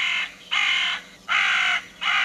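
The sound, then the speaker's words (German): A carrion crow caws loudly, a run of harsh, rasping calls repeating in a steady rhythm with short pauses between them, no voices present. “Oder die Rabenkrähe.”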